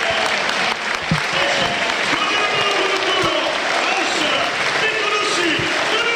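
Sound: stadium crowd applause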